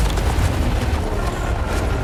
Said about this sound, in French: Et au loin, on entend des cris. La corniche sur laquelle on était il y a 40 minutes s'effondre.